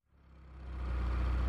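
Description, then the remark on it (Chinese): A car engine turns over and revs up, its low rumble swelling quickly from silence into a steady, loud drone as the vehicle pulls off. No voices are heard. “张幼林说完上了汽车，马达升起，汽车一溜烟似的开走”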